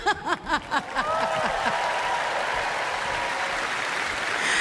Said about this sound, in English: Now, let's give a big round of applause for my boys.